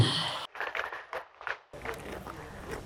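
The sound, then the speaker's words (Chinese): One of two small horses at an inn, named Madao and Chenggong, chews its food in a series of crisp, irregular crunching bites that continue under a low rustling background. No one speaks. “我现在在客栈的两匹小马马道和成功旁边，你听到的是他咀嚼食物的声音。”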